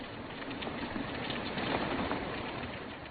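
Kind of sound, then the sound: nature, rain falling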